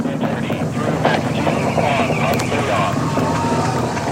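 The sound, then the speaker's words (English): A steady, loud roar of SLS rocket engines about one minute into flight, the rocket traveling faster than the speed of sound and approaching max Q, with a crackling, wind-like rumble filling the whole stretch and a voice faintly audible beneath it. “now about 1 minute in flight, the SLS rocket traveling faster than the speed of sound.”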